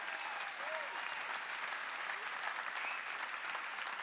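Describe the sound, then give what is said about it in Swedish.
Steady audience applause welcoming Johanna Bode, the new leader of the Pentecostal movement (Pingströrelsen), a dense wash of many hands clapping at an even level with no pauses, and a faint whistle or cheer rising briefly above it. “Johanna Bode, ge en stor applåd.”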